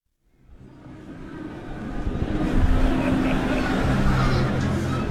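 Busy town square ambience in the Piazza Maggiore, Bologna, early on a Sunday afternoon, swells in: a dense wash of crowd chatter and voices, motorbike engines droning and passing, and children squealing as they chase pigeons, all blended into a steady outdoor hubbub.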